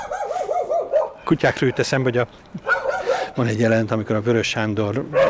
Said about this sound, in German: Und genauso wie jetzt sind wir auch erschrocken, weil zwei Hunde gegen den Zaun gesprungen waren.